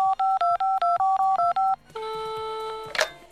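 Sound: telephone number being dialed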